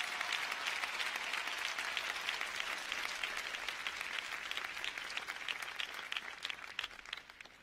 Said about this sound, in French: Je vous demande d'applaudir la première dame, Madame Martine Moïse.